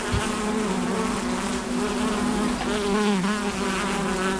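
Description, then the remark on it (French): Many different bees and bumblebees buzz steadily while foraging on pink bushes with large flowers, a continuous droning hum with several overlapping wingbeat tones wavering as the insects move. No voices. “Toutes les abeilles et bourdons, plein d'abeilles différentes, butinées, bousquets roses avec des grandes fleurs.”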